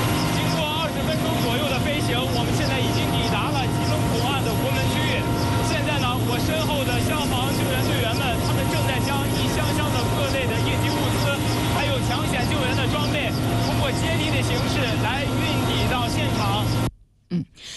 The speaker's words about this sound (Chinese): 刚才记者在直升机上做的连线，您可能因为噪音的关系听得不是很清楚。